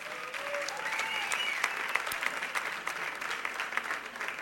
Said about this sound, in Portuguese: Podem bater palmas agora.